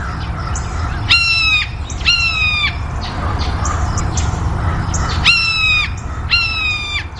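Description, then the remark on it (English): A blue jay gives its hawk-imitating call: four harsh, high, slightly descending screams in two pairs, each about half a second long, loud over a low background rumble. “Blue jays will give what we call a hawk call. They mimic a hawk. It's a single note, and this is what it sounds like.”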